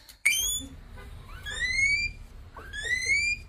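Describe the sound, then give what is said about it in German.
A guinea pig lets out three loud, rising whistle-like squeals in quick succession, shrill and siren-like, with a low rumble of background noise. “Das klingt wie eine Autoalarmanlage. Nein, es ist trotzdem ein Meerschweinchen.”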